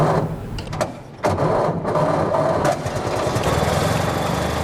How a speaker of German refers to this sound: Nach einer kurzen Schrecksekunde springt er doch an, der Motor des Oldtimers Avis 3. Stolze 100 Jahre alt, aber kein bisschen rostig.